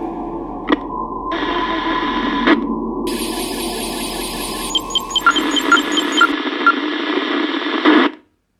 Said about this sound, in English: Cutting through the static of Radio Phrenia on 87.9 FM.